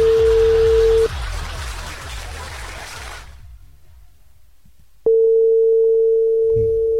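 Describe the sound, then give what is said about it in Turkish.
A telephone ringback tone of an outgoing call: a steady electronic tone sounds, pauses for several seconds, then resumes, repeating at a loud level over faint background noise. “Calling arıyordu, ringing çalıyor.”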